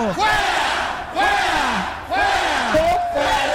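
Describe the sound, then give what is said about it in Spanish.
A large crowd shouts and yells in three loud, surging waves, many voices overlapping in rising and falling cries, with a single higher voice briefly standing out near the end. “Mira, la gente está gritando.”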